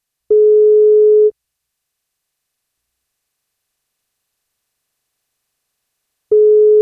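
A telephone ringback tone heard while the NFM radio breakfast show places an outgoing wake-up call: a steady electronic beep of about one second, then a long silence, then the tone starting again. Clear, no voices.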